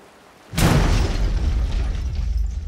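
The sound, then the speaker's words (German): A single loud explosion bursts in after a brief quiet moment, followed by a heavy, rumbling low-end roar that lingers and slowly settles without fading out. “Na, das ist ja mal eine Begrüßung. Eine Explosion.”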